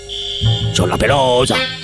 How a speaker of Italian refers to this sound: Mandiamo il segnale d'allarme, per favore, per la signora.